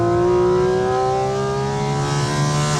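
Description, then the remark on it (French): A sports car with a seven-speed PDK gearbox roars loudly, its engine holding a steady, rich droning pitch that sags slightly before sustaining for a few seconds, with no one talking. “Boîte PDK, 7 rapports. Ultra rapide, non ? Écoute ça surtout.”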